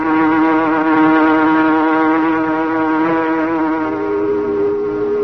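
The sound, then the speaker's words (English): A packing plant whistle blows in one long, loud, unbroken blast, sounding because the refrigerating system has gone wrong; a steady rich tone with a slight dip in pitch near the end. No voices are heard. “Why is the whistle blowing?”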